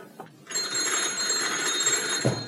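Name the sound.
telephone bell ringing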